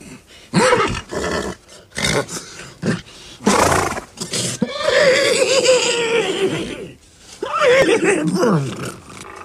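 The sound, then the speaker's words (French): A person imitates a horse that wants to go for a ride, with a series of loud vocal whinnies and snorts, including a long wavering neigh in the middle, with short breathy bursts before and after. “Tu veux que je te fasse le cheval qui a envie de faire un tour?”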